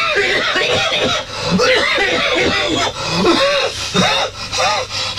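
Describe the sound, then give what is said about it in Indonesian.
Loud fit of repeated coughing, several harsh rasping bursts in quick, uneven succession with strained breathy gasps between them. “Hai, batuk nampak?”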